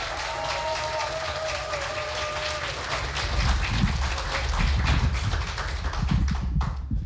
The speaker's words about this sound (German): Bitte heißt auch ihn mit einem 10-Punkte-Applaus hier vorne willkommen.